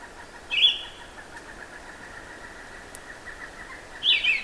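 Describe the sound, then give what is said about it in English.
A distant pileated woodpecker gives two brief, loud calls a few seconds apart, over a steady high background of chirping or trilling. “Oh, I hear a pileated woodpecker in the distance.”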